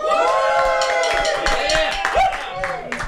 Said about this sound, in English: we've got a room full of 3MDR volunteers. Give us a cheer.